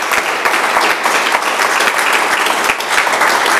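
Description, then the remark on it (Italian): Steady, loud applause from an audience fills the whole stretch, a dense wash of many hands clapping with no break or fade. “Un altro applauso”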